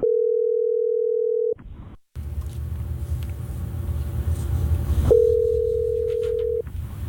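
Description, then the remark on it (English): A phone call placed by the radio show on Hot 104.9 in Tallahassee rings twice: two long, steady electronic ringback tones separated by a stretch of low rumbling line noise, heard clearly with no one speaking. “Let's get him on the phone right now.”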